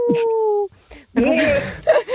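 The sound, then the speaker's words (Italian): A person gives a short imitation of a wolf howl, "Au!", one steady pitched note lasting under a second, given as a good-luck wish, followed by lively voices talking. “Il mio in bocca al lupo è speciale, senti? Au!”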